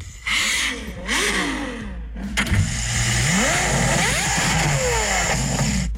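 A Ferrari sports car engine revs loudly and repeatedly, its pitch sweeping up and down in sharp surges, with a short lull near the middle before it roars again.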